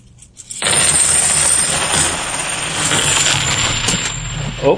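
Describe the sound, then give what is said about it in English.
A large pile of 90% silver coins pours out in one dense, continuous cascade of bright clinking and jingling, loud, lasting several seconds before tapering off with a final rattle. “And, again, these are the 90% silver coins.”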